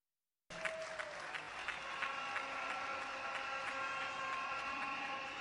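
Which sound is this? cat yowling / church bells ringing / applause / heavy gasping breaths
applause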